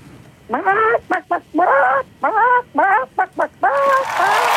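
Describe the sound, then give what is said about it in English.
A caller does a loud chicken impression to win a chicken prize: a quick run of rhythmic clucks and bawks in short bursts, ending on a longer drawn-out squawk with a rush of noise behind it. “Alrighty, well, give me your best chicken impression whenever you're ready.”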